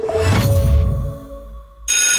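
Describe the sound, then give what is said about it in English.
A school bell rings loudly in a continuous metallic clatter, its bright ringing tone holding steady and easing slightly before a sudden harsh burst of noise at the end. No one speaks. “That bell means little feeder on the move.”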